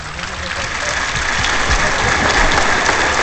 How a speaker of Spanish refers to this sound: Ovación cerrada.